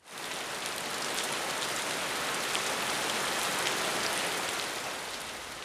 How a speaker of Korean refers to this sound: 지금도 이렇게 비가 쏟아지고 강물이 언제 넘칠지 모르는데